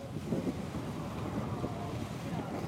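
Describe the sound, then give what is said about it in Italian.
Steady, rough rumble of choppy water and gusting wind buffeting the microphone, continuous, with a faint murmur of voices underneath; a rough sea with strong currents at the Vavu atoll. “È mosso il mare, oggi nell'atollo di Vavu, tra forti correnti”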